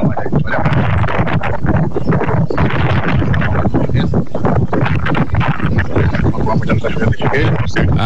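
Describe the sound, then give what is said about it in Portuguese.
Steady, dense rain noise hisses and crackles through a low-fidelity phone recording, loud and unbroken for the whole message, with a muffled voice buried beneath it. “Isso é mais o barulho da chuva, né,”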